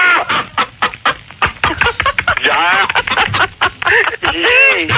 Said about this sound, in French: Au standard, là, il y a des poules, là, c'est quoi? C'est bizarre.